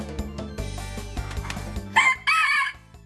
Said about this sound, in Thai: โอ้โหโชว์ทั้งยกปีกนะครับกระพือปีกแล้วก็ขันให้ผู้ชมได้ดูด้วยน่ารักมาก